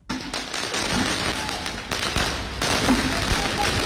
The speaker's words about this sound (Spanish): La policía reaccionando con fuegos artificiales, tratando de disolver los grupos.